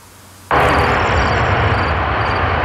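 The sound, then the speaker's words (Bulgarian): A MiG-29 fighter jet's engine roar, from a jet flying the Air Policing mission guarding Bulgarian airspace, bursts in abruptly after a brief quiet moment, then holds as a loud, steady rumble and hiss with no voices. “Изтребителите МиГ-29, които изпълняват така наречената мисия Air Policing по охрана на българското небе, в момента са с удължен летателен ресурс до 2028 година.”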